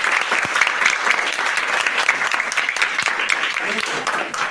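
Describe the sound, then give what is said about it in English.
A steady burst of applause from a primary school class, rewarding a correct answer in a quiz: dense clapping from many hands that stays loud and even for several seconds without pause. “A round of applause.”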